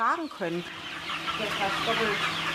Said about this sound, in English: These chickens are 7 weeks old. Conventional broilers would already be past their slaughtering age. At Roth Organic Poultry Farm in Witzenhausen, the clock ticks more slowly.